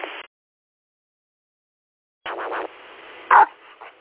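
A dog barks a few times through a thin, band-limited radio channel: a quick cluster of yaps, then one sharper, louder bark, with a hiss of static between and no talking.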